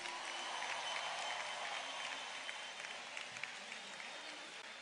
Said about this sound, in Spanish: Un aplauso para esos médicos.